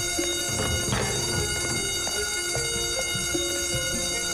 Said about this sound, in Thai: สัญญาณเตือนไฟไหม้ไปกันดีกว่าไปเรา